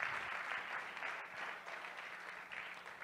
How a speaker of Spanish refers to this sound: Dele palmas de alabanza, hermano.